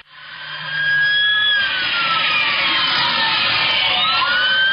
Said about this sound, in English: And you can hear the sirens. Listen.